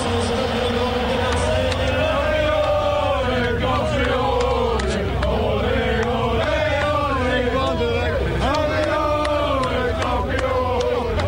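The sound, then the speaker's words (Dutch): A packed stadium crowd at the Stade Velodrome in Marseille cheers and chants after the final whistle, the orange-clad crowd going wild with joy: a loud continuous roar of many voices with sung, rising and falling phrases sustained throughout without a break. “En zo klinkt het in Stade Velodrome in Marseille na het laatste fluitsignaal.”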